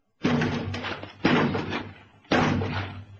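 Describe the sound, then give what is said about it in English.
A door is battered from outside with three heavy, booming blows about a second apart, each impact loud, leaving a rattling, resonant decay before the next strike. “One more and they'll be in.”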